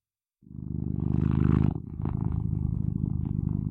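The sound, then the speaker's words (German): A cat named Lucky purrs loudly, a steady low rumble with a fluttering pulse that starts after a brief silence and continues without pause, with no voices. “Und das ist meine Katze Lucky.”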